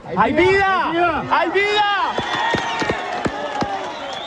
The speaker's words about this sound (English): A rescue worker hears a man buried under the rubble, then screams to the crowd digging through the shattered concrete, "There's life! There is life!"